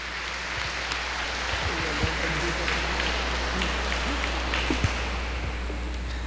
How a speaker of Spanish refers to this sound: Un aplauso para ella.